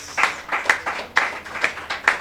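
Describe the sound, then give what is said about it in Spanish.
A group clapping in a steady rhythm, with sharp beats about twice per second over a continuous wash of applause, fairly loud, with no talking. “Fuerte aplausos, hermanos y hermanas.”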